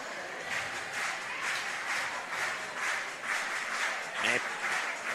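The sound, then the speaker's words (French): A dense, steady roar of a large baseball stadium crowd cheering during a game, with rhythmic swells that suggest clapping and chanting, loud and unbroken for the whole stretch, with no single voice standing out. “En toute franchise avec vous, là, la foule s'est réveillée d'un trait.”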